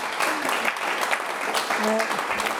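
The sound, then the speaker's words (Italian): An audience claps steadily throughout, a dense, sustained burst of applause at moderate loudness, with a brief vocal sound rising over the clapping near the end. “Un applauso”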